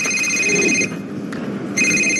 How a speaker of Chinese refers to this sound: 哟，我岳父打电话来了，赶紧跟他老人家解释一下。